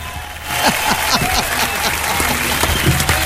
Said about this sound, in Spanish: ¡Ah! ¡Aplausos, por favor!